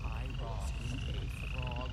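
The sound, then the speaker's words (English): A chorus of frogs croaking in repeated rippling bursts, layered over a steady low rumble and a thin continuous high-pitched tone, dense throughout. “I know it sounds crazy, but I was in a frog storm.”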